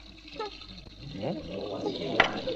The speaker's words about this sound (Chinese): 楼下关水龙头！啊，你们想造反呐？明知道我起床要洗脸，干嘛把水开那么大？